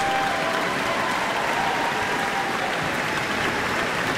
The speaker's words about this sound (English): And you can hear some more cheers. They want to see violinist Chloe Chua again.